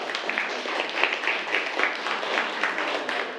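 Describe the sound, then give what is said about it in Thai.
A classroom of students claps steadily for a few seconds for a classmate who answered the teacher's question, a dense, even patter of many hands with no voices over it. “เอาล่ะปรบมือให้กับเพื่อนนะครับ”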